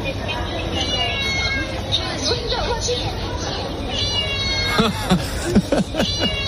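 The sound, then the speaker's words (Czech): A Japanese self-checkout register gives out a series of recorded cat-like meows as goods are scanned, several short mewing calls in a row, over a steady murmur of shoppers and store background noise. “Když namarkuješ zboží, tak to mňouká.”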